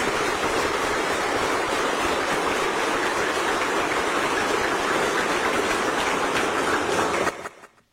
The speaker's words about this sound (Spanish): Y les pido, en ese contexto, vamos a darles un aplauso a nosotros, cada uno de nosotros, porque así somos. Esa es nuestra función. A ver, un aplauso fuerte.